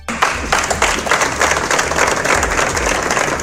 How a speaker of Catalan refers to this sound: I l'endemà, avui de nou, els minuts de silenci que acaben amb aplaudiments.